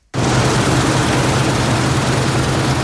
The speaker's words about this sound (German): steht auf seinem Acker bei Buggingen im Markgräfler Land, schaut rüber zum Mähdrescher, der zu retten versucht, was teilweise nicht mehr zu retten ist. Gerste und Weizen wurden viel zu früh reif.